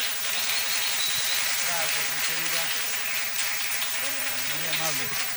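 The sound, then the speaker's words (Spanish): Sustained, dense crackle of many hands clapping fills the whole stretch at steady loudness, with voices talking faintly underneath. “El Evepes como Nopes, le regalamos un aplauso”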